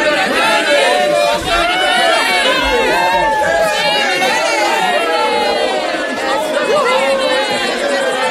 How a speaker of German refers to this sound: Jubelte das Volk.